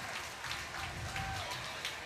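A steady round of applause from fans at CPKC Stadium as an injured player is helped up to a sitting position and tended to by the training staff. The clapping is dense and even, holding at a constant level throughout without building or fading.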